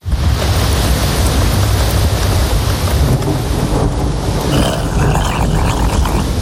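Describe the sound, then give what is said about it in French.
A loud thunderstorm with a steady wash of heavy rain and deep, rumbling thunder rolling continuously underneath, enveloping, with no voices. “Vous aviez peur de l'orage quand vous étiez petite?”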